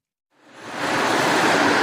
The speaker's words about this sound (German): Eben noch lauter Verkehr, Autos, Cabrios, dicht gefolgt von Lastwagen, Motorrädern. Und dann auf einmal still.